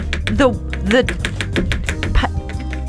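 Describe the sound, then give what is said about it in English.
A knife chops an onion on a cutting board in quick, steady taps, sharp clicks repeating several times a second while a voice talks with rising and falling pitch over the chopping. “Acting like I've never cut an onion before.”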